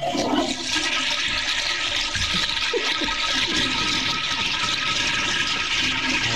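A toilet flushes with a steady, loud rush of water that holds for several seconds, a broad hissing roar with gurgling underneath and no one talking.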